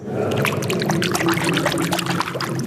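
Water splashes and swirls continuously as a hand stirs through a spring pool of crystal-clear, cool water almost 4 metres deep, with lively sloshing and bright trickling droplets throughout.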